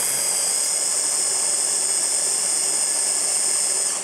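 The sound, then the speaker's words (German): A blender runs steadily for about four seconds, a loud, continuous high-pitched whir with a bright whine on top, churning capers, tuna and anchovies with no one talking. “So, und jetzt muss ich hier einmal wirklich alles ordentlich mixen.”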